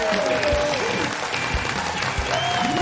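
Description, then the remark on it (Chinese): Steady, dense applause from an audience welcoming the actor Liu Guanlin as a guest fills the whole stretch, loud and continuous, with music playing underneath and a few scattered cheers rising over the clapping. “那接下来请上我们今天嘉宾，著名演员刘冠霖，掌声有请。”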